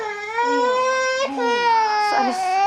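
A baby with a cold cries loudly, one long, unbroken, high-pitched wail that wavers in pitch, with a couple of harsh, strained bursts as the crying intensifies.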